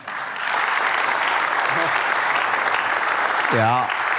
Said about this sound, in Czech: To chce potlesk.